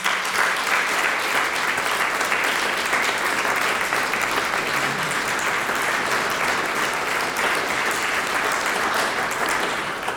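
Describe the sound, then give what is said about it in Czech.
Steady, sustained applause from an audience for a young oboist at a music competition, a dense wash of many hands clapping at an even loudness for about ten seconds with no talking. “Alině tedy děkujeme, přejeme, aby se její hoboj co nejdříve zase umoudřil, a tak vás poprosím o potlesk právě pro ní”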